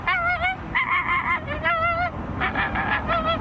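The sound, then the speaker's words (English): A person imitates an American flamingo call: a quick series of nasal, goose-like honks, fairly loud, over a constant background hiss with no talking. “The American flamingo.”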